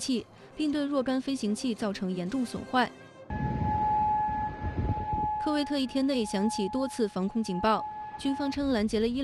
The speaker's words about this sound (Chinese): 科威特一天内响起多次防空警报，军方称拦截了伊朗的导弹和无人机。